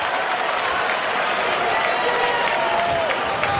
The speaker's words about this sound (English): The fake applause.